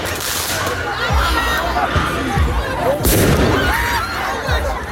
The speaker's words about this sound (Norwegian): Slik har det sett ut i flere franske byer den siste tiden. Med fyrverkeri mot politiet, branner i gatene og elever som løper fra tåregass.